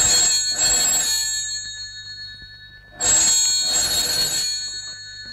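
A telephone bell rings twice in the classic double-burst pattern, each bright, metallic trill pair separated by a pause of about two seconds, with a low steady hum underneath and no voices.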